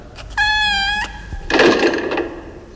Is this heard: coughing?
no